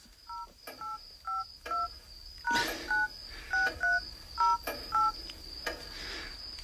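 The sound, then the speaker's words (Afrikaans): A rapid run of cellphone keypad tones, about a dozen short dual-pitched beeps pressed in quick succession as someone enters the phone's PIN, clear with a faint steady hiss underneath. “Wat is my selfoon se pinkode?”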